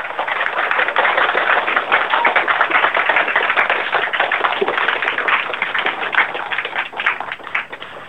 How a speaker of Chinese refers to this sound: 掌声有请王律师，有请。